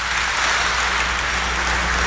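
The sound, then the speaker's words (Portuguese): A crowd at the Sanctuary of Nossa Senhora Aparecida, São Paulo, applauds Nossa Senhora after a consecration prayer: a steady, dense, even wash of many hands clapping with no single claps standing out, sustained at a constant level throughout, with no voices. “Nossa Senhora merece uma salva de palmas, né, gente?”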